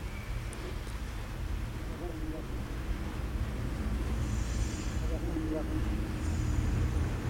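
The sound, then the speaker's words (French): Continuous low rumble of street traffic on the boulevard Saint-Germain: cars, taxis, an 86, trucks and a van passing steadily, with faint indistinct voices mixed into the background din. “Plusieurs voitures, des taxis. Diverses voitures.”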